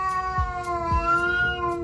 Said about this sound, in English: I'm Caroline Steele, and that yowling sound is my cat, Ollie. He's just spotted his number one enemy, a white cat